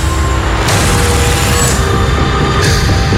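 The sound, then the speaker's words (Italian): A loud, roaring explosion on a train with heavy low rumble fills the whole stretch, flaring into sharper bursts of debris-like noise partway through and again near the end. “Ero sul treno. C'è stata un'esplosione.”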